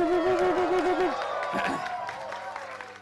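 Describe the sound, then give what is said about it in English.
An audience breaks into steady, dense applause for a DJ's performance, with a wavering vocal cheer over the clapping for the first second before the clapping carries on alone at moderate volume. “So that deserves a round of applause.”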